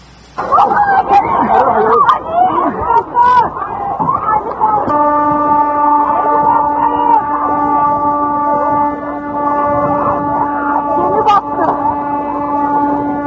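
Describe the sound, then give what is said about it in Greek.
Panicked passengers scream and shout over one another in a frantic jumble of cries moments before their catamaran sinks off Kyrenia. Partway through, a loud, steady horn starts blaring without pause beneath the continuing screams. “Κραυγές πανικού λίγες στιγμές πρωτού το καταμαράν χαθεί ανοιχτά της Κερίνιας.”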